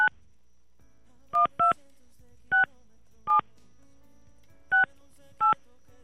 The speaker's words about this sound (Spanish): Estamos marcando a Luis Ángel en Chimalhuacán